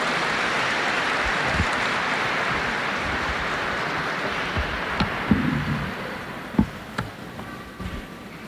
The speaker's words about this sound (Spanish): Démosle una bienvenida calurosa con este aplauso.